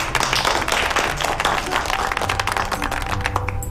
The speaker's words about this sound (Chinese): 好嘞， 鼓掌。